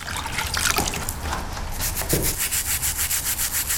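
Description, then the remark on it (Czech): A stiff bathroom-type brush scrubs the stone statue of Saint Florian, the oldest monument of Víčapy in the Třebíč region, as restorers clean it in a studio in Jihlava; its bristles rasp in hissy strokes that settle into a quick, even back-and-forth rhythm near the end. No one speaks. “Klasický kartáček do koupelny, když ji čistím.”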